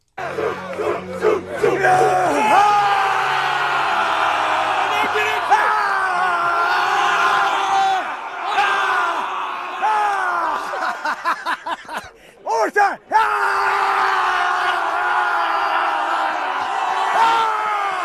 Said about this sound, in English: A lot of screaming and yelling, obviously. Is that Gruden? It is Gruden. Yeah. So he went down to Annapolis to see Navy Tulsa over the weekend. Yeah. And I mean, he was received as if he was the king of all the lands in the world, right?